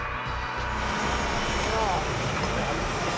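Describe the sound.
A helicopter carrying a patient lands at the Murnau accident hospital; its engine and rotor roar loudly and steadily throughout, a dense whooshing drone with a high whine on top, with faint voices briefly audible underneath.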